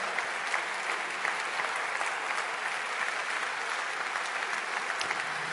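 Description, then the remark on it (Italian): Steady audience applause for professor Giuliano Noci fills the whole stretch, a dense wash of many hands clapping at an even, sustained level without pauses or voices. “Io ringrazio ancora, un bel applauso per il professor Giuliano Noci.”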